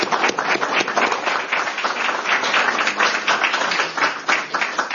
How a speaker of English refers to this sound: Well, thank you, Tim, and join me in a round of applause for Tim Gagel. Thank you all very much.